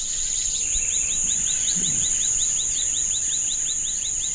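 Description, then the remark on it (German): A chorus of varied birdsong and croaking frogs at the rainforest edge by the end of a village after dark: a steady high-pitched drone with rapid, evenly spaced chirping calls running continuously, clear, with no voices. “Und wir können das vielfältige Vogelgezwitscher und das Quaken der Frösche hören.”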